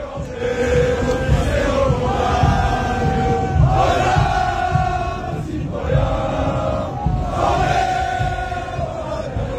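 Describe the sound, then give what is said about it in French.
A large French crowd sings together loudly in Times Square that evening, filling the streets from 42nd to 47th, in rhythmic, chant-like phrases that swell roughly every two seconds, many voices merging into a dense, sustained roar with no single voice standing out. “La foule française a hijacké Times Square ce soir-là de la 42e à la 47e en chantant.”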